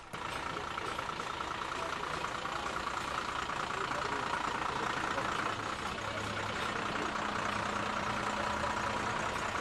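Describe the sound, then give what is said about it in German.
A parade float vehicle carrying a theatre group from Niederlauterstein idles steadily, a low continuous engine rumble with a droning mid-range hum, lasting the whole time without pause. “Der nächste Wagen mit Theatergruppe aus Niederlauterstein.”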